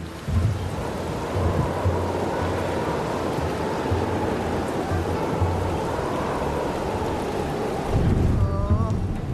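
Heavy rain pours down in a dense, unbroken roar for the whole stretch, loud, with low rumbling underneath and a brief swell near the end.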